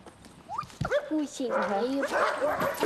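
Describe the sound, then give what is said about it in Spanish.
Several dogs bark and yelp in quick, overlapping bursts, the calls rising and falling in pitch over a steady background clatter. “Amo a muchos perros. A este, a este, a este, a este, a este, a este, a este...”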